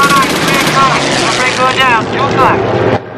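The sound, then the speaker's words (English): Loud, steady engine roar from warplanes in an aerial battle fills the scene as a German plane heads straight for the Memphis Belle, a dense continuous drone with voices shouting over it, then it drops off abruptly near the end. “A German plane is heading straight for the Memphis Belle.”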